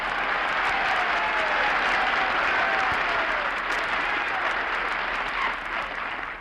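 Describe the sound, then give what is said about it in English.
Sustained audience applause, a dense wash of many hands clapping at steady loudness for several seconds before easing slightly at the end, with a faint hint of voices underneath. “Applause me, man. Applause me.”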